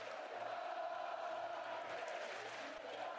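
A large stadium crowd at a baseball game roars continuously, a dense, loud wall of cheering and shouting that holds steady for the whole stretch with no pauses; the crowd has been standing for an hour.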